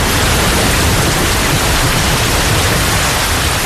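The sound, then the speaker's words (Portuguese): A steady, dense roar of torrential rain pours down without pause, loud, filling the whole scene with an even hiss and no voices; the rain floods the rural areas around Lisbon, Portugal, such as Loures, Odivelas, Vila Franca de Xira and Arruda dos Vinhos. “Em poucas horas, a chuva torrencial inunda as zonas rurais que circundam Lisboa.”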